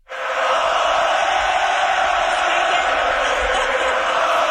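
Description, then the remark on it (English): A huge hockey arena crowd at the Bell Centre roars and cheers as fans celebrate, a dense, sustained wall of noise that swells up within a moment and holds steady and loud throughout, with no single voice standing out. “As the fans celebrated, noisily, Dobish burst into a huge grin and just enjoyed the moment, spinning around, embracing it.”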